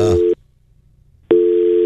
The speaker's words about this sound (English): Oh, you don't hear that? I don't hear anything. Yeah, I hear the dial tone in my ear.